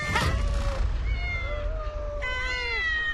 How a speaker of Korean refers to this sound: 엥? 웬 야옹 야옹?